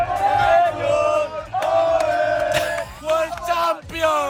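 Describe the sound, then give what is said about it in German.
Hundreds of people at the Radio Wien public viewing of the World Cup final, at the Salettl am Campus in Vienna's 9th district, roar and cheer. Many voices shout and chant together in loud, sustained surges that swell and dip for several seconds. “Hunderte haben da wirklich bis knapp nach Mitternacht das Finale mitverfolgt.”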